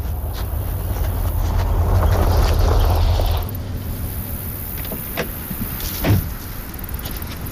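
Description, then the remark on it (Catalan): A car rolls in with a steady low engine rumble that cuts off abruptly as it stops, leaving a quieter hum and a couple of faint clicks and thuds afterward. “Ah, mira, ja arriba.”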